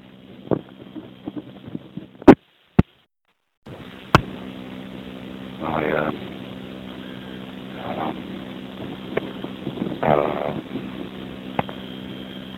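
Strong wind buffets the microphone in a steady low roar as someone walks through empty city streets near 31st Street on a very windy day, swelling in gusts now and then, with a few sharp handling clicks and a brief moment of silence.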